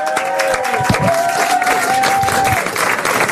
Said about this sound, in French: Je voudrais s'il vous plaît qu'on applaudisse celle qui arrive maintenant, qu'on est tellement heureux de voir.